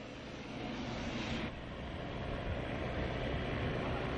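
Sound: airplane cabin noise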